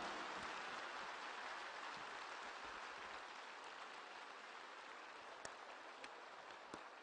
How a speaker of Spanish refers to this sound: Aplausos a nuestra reina.